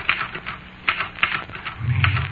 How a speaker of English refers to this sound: Me, said the typewriter.